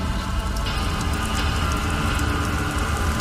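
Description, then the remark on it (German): Steady rain patters on a hard surface, a dense, continuous hiss with scattered sharper drops, moderately loud throughout with no voices. “Leute blickten aus dem Fenster in den regennassen Himmel, sahen unseren Kampf mit aufgerissenen Mündern zu.”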